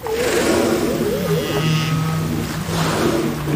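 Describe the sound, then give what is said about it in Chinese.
Humpback whale calls ring out during bubble-net feeding, most seemingly made by the same few whales to organise the group in driving prey to the surface: a wavering, moaning tone slides and warbles, then sustained low notes hold steady over a constant underwater rumble, with no voices present. “气泡网捕猎过程中的大部分叫声好像都是相同的几头大池鲸发出的，他们会用叫声组织同伴驱赶猎物到海面。”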